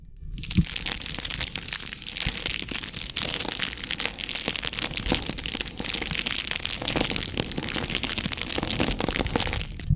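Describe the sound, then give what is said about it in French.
Dense crackling of a flame, a steady stream of sharp pops and snaps running nonstop for the whole stretch, fairly loud, with no voices. “Le crépitement de la flamme.”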